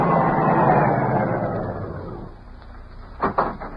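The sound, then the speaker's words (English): A car engine rumbles loudly as a car approaches, then fades and settles to a stop, followed by a couple of sharp knocks like a car door near the end. “Car coming.”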